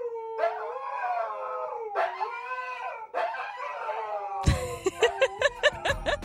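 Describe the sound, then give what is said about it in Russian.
A Siberian husky howls in three long, wavering, drawn-out cries, then breaks into a rapid run of loud, choppy yips and barks. “Я думаю, дальше нету смысла продолжать, потому что, конечно же, это сибирские хаски.”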